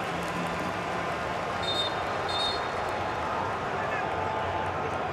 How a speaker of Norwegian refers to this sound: Player number 10, Luka Modric, is replaced by player number 15. Hør som publikummerne hyller Luka Modric og hans karriere.